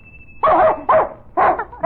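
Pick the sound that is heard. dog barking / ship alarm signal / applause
dog barking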